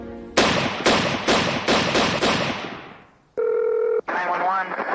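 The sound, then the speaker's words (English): Six loud gunshots ring out in quick succession in the early morning in Rockford, Illinois, near the Auburn Manor, each with a booming, echoing tail that fades out, followed by a brief electronic phone tone and then a voice speaking on a 911 call. “Six gunshots fired in rapid succession shattered the early morning calm of Rockford, Illinois.”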